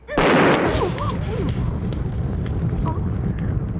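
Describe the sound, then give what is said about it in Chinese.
A loud burst of small explosions from thrown pellets, a newly invented hidden weapon called Pili Leizhu (thunderbolt pearls), erupts at once, then trails off into steady crackling, rumbling noise with faint shouting voices mixed in. “你不要小看它哟，它爆炸起来啊，威力无穷！”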